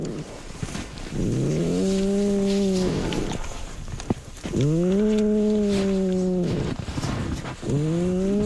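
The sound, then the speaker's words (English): A female polar bear cub snores, a series of drawn-out, droning groans rising and falling with each breath, about three loud snores in a row with no one talking. “And then she starts to snore.”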